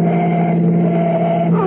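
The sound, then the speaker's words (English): A police car's engine roars loud in a steady, droning hum as it speeds to overtake a car it is chasing, its pitch lifting slightly near the end as it revs. No voices are heard. “Step on him and overtake him.”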